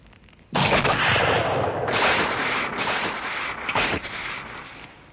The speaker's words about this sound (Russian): Ух, ракеты вместе с газом взорвались. Хорош фейерверк.